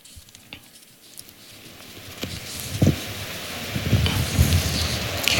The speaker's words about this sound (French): Et les pèlerins de langue chinoise répondent par acclamation.